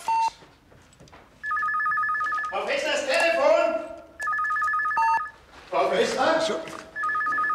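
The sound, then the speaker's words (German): A telephone rings in repeated bursts, its bright electronic trill recurring every couple of seconds, while a man's voice shouts loudly in the gaps between rings. “Da drüben das Telefon!”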